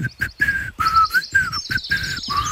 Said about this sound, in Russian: А пташки мне лесные подпевают.